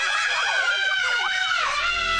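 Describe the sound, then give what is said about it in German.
A person on a roller coaster screams loudly and continuously for about two seconds, a sustained high-pitched shriek with wavering pitch, with some rumbling noise underneath. “Also gefühlt jeder sagt doch kurz vor der Achterbahn den immer gleichen Satz. Also heute schreie ich nicht. Dann 3 Sekunden später.”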